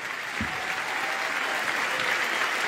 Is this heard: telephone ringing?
no